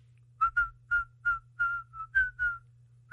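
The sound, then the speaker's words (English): A person whistles a short, bouncy song melody in place of singing the lyrics, in a series of clear notes with brief gaps between them, fairly loud, with a low hum underneath. “And instead of singing the lyrics, I just whistle, like, if I'm, if it's”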